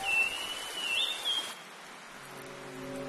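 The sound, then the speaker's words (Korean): Steady tropical storm rain hisses over a rainforest across the first half, with a few high bird chirps cutting through. Then the downpour softens and a low, droning hum takes over. “바로 열대폭풍입니다. 우림의 터를 잡은 주민들은 억수같이 쏟아지는 폭우도, 온화하지만 길게 내리는 비도 익숙합니다.”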